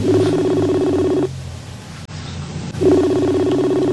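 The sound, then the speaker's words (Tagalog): An unanswered cellphone call rings through a handset: a steady electronic ringback tone, then a pause of about a second and a half, then the tone again, clear and moderately loud with no talking. “Ula giniya ginasabat, oh.”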